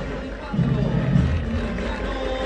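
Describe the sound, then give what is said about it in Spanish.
A large football stadium crowd applauds and murmurs together for player el Mudo Vázquez in a steady, dense wash of noise, swelling slightly midway through and staying loud throughout. “El aplauso para el Mudo, que el otro día la rompió.”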